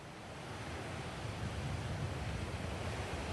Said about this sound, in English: I have to say actually the wind speaks for itself. You can see behind me those waves that had been picking up for the past few hours here on the island of Crete. That's showing us here that the winds are becoming even more strong overnight